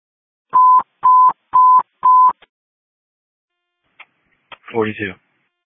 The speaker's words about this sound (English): Sorry, the phone was ringing.